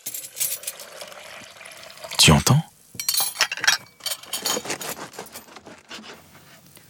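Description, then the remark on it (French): Kitchen sounds of a mother preparing breakfast in the morning: dishes and cutlery clink in quick scattered bursts, with a brief splash of water, while a voice speaks briefly. “Quand papa ouvre les volets, quand maman prépare le petit déjeuner.”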